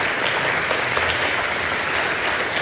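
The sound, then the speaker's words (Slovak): Steady, dense applause from an audience at an evening of the 14th Zázračný oriešok, a continuous wash of many hands clapping at fairly even loudness, with no speech over it. “Tak, ešte jeden potlesk”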